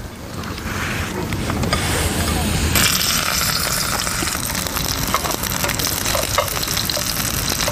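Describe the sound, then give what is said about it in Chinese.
Shrimp paste parcels, wrapped in blanched jialou leaves, sizzle steadily in a pan over low heat, a continuous crackling hiss that swells slightly partway through, with faint voices murmuring underneath. “焯过水的甲楼叶包裹上虾肉泥，下锅小火煎制。”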